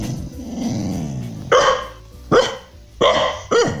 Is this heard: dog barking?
yes